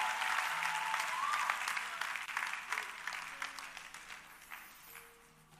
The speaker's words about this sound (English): Let's give a big clap of praise to the Lord for healing that's already taking place.